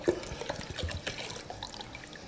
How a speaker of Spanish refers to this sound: Vamos a ponerle agua, agua de botella. ¿Por qué? Pues porque el agua, aquí tenemos mucha cal en el agua y la cal en el agua no es buena, ¿eh?, para cocer legumbre y verduras.